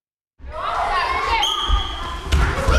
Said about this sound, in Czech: Zatímco v jedné z tělocvičen školy v centru Tišnova se ozývá křik a dupot